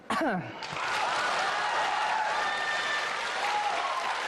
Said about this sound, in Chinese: 你看观众说完了之后，观众对你报以热烈的掌声，这点你比我强。